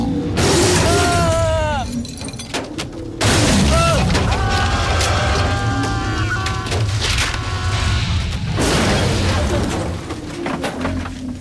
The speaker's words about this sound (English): The small car sits perched on a branch as the rest of the tree hits the roof. It collapses and the windows shatter.